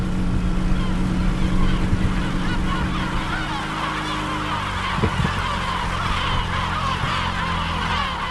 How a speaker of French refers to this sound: On dirige vers l'île, on voit plein d'oiseaux qui volent au-dessus. Oui, il y a beaucoup, beaucoup de goélands. Il y a plus de 3000 nids de goélands.